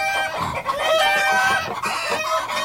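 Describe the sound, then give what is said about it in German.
A flock of chickens clucks loudly and continuously in a dense, cackling chorus that sounds almost like laughter, with overlapping bird calls and no talking. “Das fanden die Hühner so lustig, dass sie gar nicht mehr mit dem Lachen aufhören konnten.”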